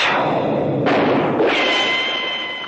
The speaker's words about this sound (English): A gun was pulled. A shot rang out. I said a shot rang out. That does it. A gunshot rang out.